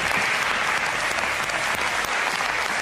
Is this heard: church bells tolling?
no